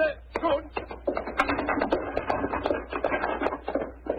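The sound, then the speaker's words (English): Old horses pulling a van on a drive in the country, their hooves clopping in a brisk, steady rhythm of sharp knocks that continue throughout, moderately loud, with faint rumbling underneath. “Let's get these old horses going.”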